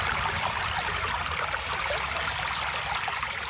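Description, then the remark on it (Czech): A steady, bubbling stream flows, its continuous gurgling and splashing water filling the scene at an even level with no voices. “Slyšíš, Potůčková víla? Už zase bublá tvůj potok.”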